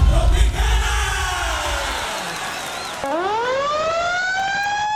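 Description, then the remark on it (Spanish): A loud electronic siren sound effect, played by the DJ on Colombian radio station Tropicana's show La Tropiteca, wails continuously, its pitch sliding slowly down before snapping low and sweeping back up, with a rumbling low noise underneath at the start. “Y con esta sirena, mejor dicho, tengo el DJ y está cobrando barato, gente, se está cobrando barato.”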